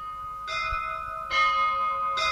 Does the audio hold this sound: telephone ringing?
no